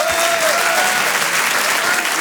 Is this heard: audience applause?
yes